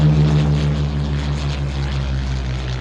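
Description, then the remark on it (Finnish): A propeller airplane drones overhead, its engine hum steady and loud with a low, throbbing tone that eases off only slightly as it passes. No voices are heard. “Ja sen kaiken ytimessä on lentokoneet.”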